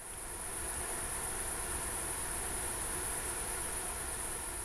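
A dense, continuous buzzing hum from a large swarm of male insects, steady and unbroken throughout, with a bright high whine layered over a broad droning wash and no voices.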